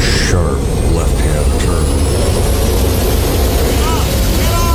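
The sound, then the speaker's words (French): Loud jet engines of a Pan Am Boeing airliner on a runway roar continuously with a deep rumble, while a high turbine whine climbs steadily as the captain pushes the throttle to full power to try to avoid another aircraft. “J'ai entendu les moteurs s'emballer et on a fait un brusque virage à gauche.”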